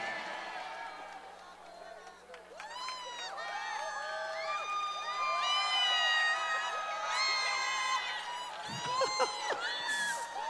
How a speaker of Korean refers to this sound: 아까 그 물 먹을 때 막 박수 나고 함성 나고 수준 높다 그러니까 더 하시는 거죠 지금.